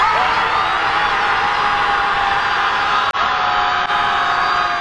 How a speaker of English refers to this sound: Participants screamed their rage, their fear, and their worries at the Pacific Ocean.